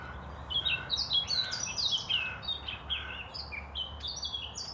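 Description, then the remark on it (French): Two birds chirp and sing busily in bright, overlapping high phrases, a lively stream of tweets and trills over a low steady background rumble. “Écoute, qu'est-ce qu'on entend? T'es quoi? Oiseau. Il y en a combien? Deux.”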